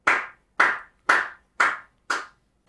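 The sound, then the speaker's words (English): A lone person in an office claps slowly, applauding Tig Notaro: five crisp, evenly spaced claps about half a second apart, each with a short ringing tail, and no voices. “I mean, I would continue stand up for the rest of my life if it was just one lonesome clap.”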